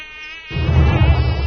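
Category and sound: insect, mosquito swarm buzzing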